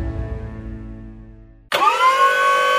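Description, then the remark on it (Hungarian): A forklift engine idles with a low, throbbing rumble, then abruptly switches to a loud, high-pitched mechanical whine that holds steady to the end. No one speaks. “Ismerős ez a hang? A Trankwalder most azonnali kezdéssel keres targonca vezetőket.”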